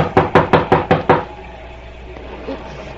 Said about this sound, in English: Suddenly, and over the strident clamor of the storm, a knocking at the door is heard. The girl lifts her head and listens.